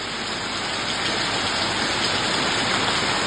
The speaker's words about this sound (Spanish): ¡Oh! Suena un poquito. Escuchemos un poco el sonido de la lluvia en San Pedro de La Paz.